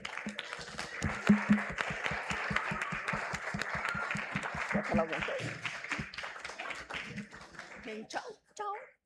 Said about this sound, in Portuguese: Muito obrigada e uma salva de palmas para vocês, que vocês merecem.